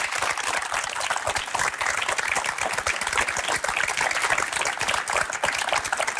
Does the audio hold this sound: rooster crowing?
no